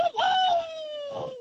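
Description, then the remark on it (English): A person's voice imitates a tiger with a single drawn-out, tonal wail that starts loud and slides steadily downward in pitch over about a second and a half, sounding more whiny than growling. “You want to hear my tiger impression?”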